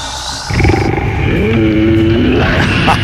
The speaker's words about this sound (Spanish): El rugido.